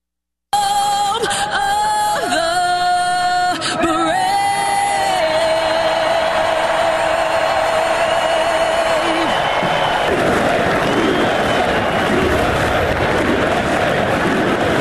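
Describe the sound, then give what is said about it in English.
A huge crowd of over 350,000 at the Indianapolis 500 racetrack roars and chants 'USA' in unison, voices rising in sustained waves before dissolving into a loud, continuous wash of cheering and shouting. “The roar of the crowd at the Indianapolis 500 chanting USA.”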